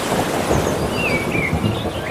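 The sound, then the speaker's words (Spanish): A low, rolling rumble of thunder under a steady hiss of rain, with a few thin bird chirps sounding through near the top of the mix. “Y algún trueno.”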